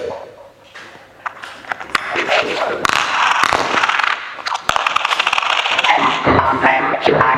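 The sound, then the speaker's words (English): Coins clatter and rattle through a payphone mechanism in a baronial hallway, a phone that only takes medieval coins; a dense run of sharp metallic clinks lasting several seconds, loud and busy throughout. “It only takes medieval coins, that's what Percival said.”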